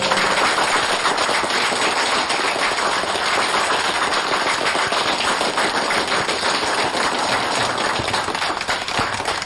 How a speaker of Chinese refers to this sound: 掌声欢迎。